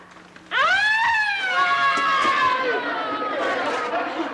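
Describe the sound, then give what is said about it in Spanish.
A voice imitates an ambulance siren, a loud wail that rises sharply then slowly slides down in pitch over a few seconds, with faint chatter in the background. “Es la sirena de la ambulancia.”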